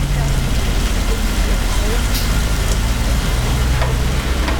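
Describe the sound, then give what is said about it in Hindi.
Heavy rain pours down in a dense, steady hiss that fills the whole recording while a truck is driven through it, with a deep, constant engine-like rumble beneath it. “अभी बहुत heavy rain है”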